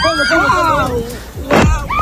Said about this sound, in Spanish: Es el sonido de la explosión de los drones de Hezbollah que están explotando sobre una playa israelí.